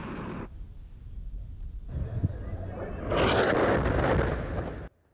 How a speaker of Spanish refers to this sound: Un ataque israelí ha provocado esta explosión junto a un campamento de refugiados. Un niño de 4 años ha muerto cerca, en Nuseirat.